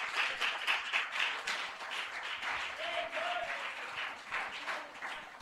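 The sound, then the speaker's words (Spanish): An audience at an evening church service applauds for the Lord together in a steady, dense wash of clapping that lasts the whole stretch, with a faint voice or tone briefly rising underneath partway through. “Dele un fuerte aplauso al Señor porque usted ha recibido de parte de Dios en esta noche.”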